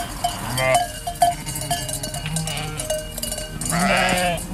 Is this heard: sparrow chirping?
no